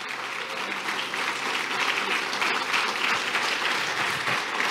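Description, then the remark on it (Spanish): An audience breaks into steady, sustained applause, a dense wash of many hands clapping at once that holds an even loudness throughout with no voices standing out. “¿Cuántos den un aplauso así?”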